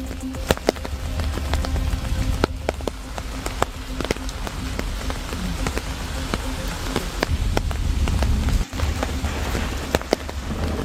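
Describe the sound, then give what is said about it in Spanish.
Steady rain from the remains of a DANA storm patters onto a hard surface in Galicia, Spain, a dense continuous wash dotted with sharper individual drips and splashes, fairly loud, with a low rumble underneath and no voices. “Despierta este miércoles con los restos de esa dana que en las últimas horas atravesó Galicia, dejando más de 90 incidencias, casi 2.700 rayos y acumulados de lluvia que en localidades como Foz llegaron a los 45 litros por metro cuadrado.”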